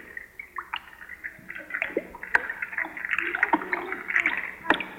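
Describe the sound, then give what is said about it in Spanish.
Steady bubbling and gurgling of water in a bubble bath, full of small pops and splashy blips that grow busier partway through, with a few sharper clicks standing out. “El sonido del baterista estaba tomando un baño con burbujas y todo.”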